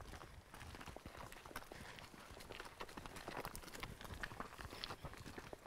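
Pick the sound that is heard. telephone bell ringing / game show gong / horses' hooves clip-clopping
horses' hooves clip-clopping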